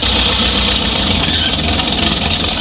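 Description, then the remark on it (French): A tractor engine runs steadily and loudly, a continuous low rumble with a rough, knocking texture and no pauses. No one speaks. “C'est quoi ? C'est un tracteur.”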